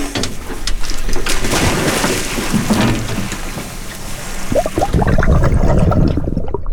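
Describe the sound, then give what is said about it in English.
Loud splashing and churning water rushes continuously, with heavy surges as a dive team goes overboard from a research boat into the sea with sea stars, over a low rumble like a boat engine. “On the research boat, Sam Strauss and the Samish dive team are getting ready to go overboard with the sea stars.”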